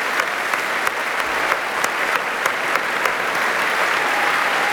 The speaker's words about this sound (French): Tu profites des applaudissements et de l'ovation qui t'est adressée, c'est mérité.